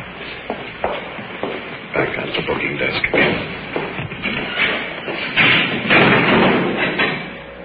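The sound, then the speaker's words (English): A door opens and is passed through, with shuffling steps, scraping and a few dull thumps over several seconds, loudest near the end, with a faint murmur of voices underneath. “Through the door.”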